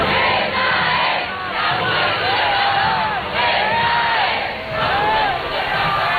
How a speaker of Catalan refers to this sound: Doncs si el pontífex ha arribat fent els darrers metres del passeig de la Castellana amb papa mòbil. Ho ha fet entre aplaudiments, benediccions i crits.